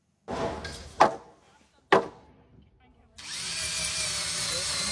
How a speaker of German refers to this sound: halten den Bohrer fest in der Hand. Rechts und links werden die Holzbalken von den anderen festgehalten. Mit jeder Schraube steht das Dach etwas stabiler.